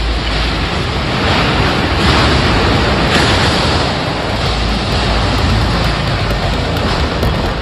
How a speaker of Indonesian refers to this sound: Kamera warga merekam detik-detik angin kencang menerjang kawasan industri PT VME Proses di Kelurahan Tanjung Sengkuang